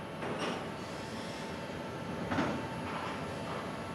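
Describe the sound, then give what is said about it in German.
Steady industrial rumble of a freight train at the container loading terminal of the Kiel seaport, Germany, where a crane unloads containers from the train and sets containers onto it, with a few brief metallic clanks and hisses rising over the constant low drone, continuous. “Mike Richter steuert den Kran, der die Container gleich auf den Zug setzt.”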